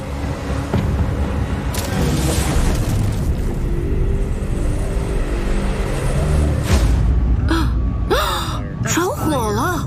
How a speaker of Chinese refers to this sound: 天啊， 你们看，漏斗云接地了，看到爆炸了吗？是输电变压器遭到大型龙卷风的破坏，爆炸起火了。